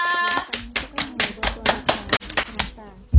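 Applause made of steady, evenly spaced hand claps, about a dozen sharp, fairly loud claps in a quick rhythm, stopping briefly before a final low thump.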